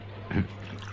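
A quick splash of pest killer poured from a bottle onto a desk to drown an ant, one brief gush, over a steady low electrical hum with no one speaking.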